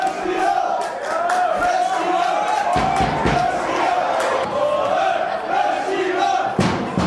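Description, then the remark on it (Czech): The fan club of TJ Sokol Leština, Šumperk district, cheers and chants loudly and steadily as a crowd roar at Andrův stadion in the final of the district super cup against Hněvotín, with sharp percussive claps or bangs cutting through at intervals. “Ačkoliv fanklub týmu TJ Sokol Leština z okresu Šumperk měl na Andrově stadionu ve finále okresního superpoháru hlasitější podporu, neodvrátilo to porážku s Hněvotínem 0-4.”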